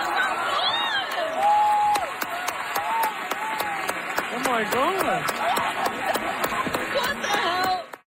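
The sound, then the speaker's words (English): A theater audience cheers and applauds loudly for about eight seconds as a volunteer sight reader comes up to join Justin Hurwitz on stage, with dense clapping, whoops and excited voices before the sound cuts off abruptly. “As you can hear from the crowd's reaction, a hero emerged,”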